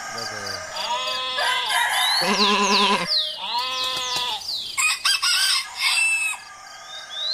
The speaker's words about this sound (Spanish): bueno, ya, el gallo ya empezó. Ya empezó el gallo.